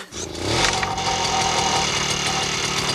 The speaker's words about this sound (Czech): Chytil! Běží! Uhněte cesty, koukněte si, jak mi to jde. Já jedu a řídím strojek, který seče trávu. To je nádhera.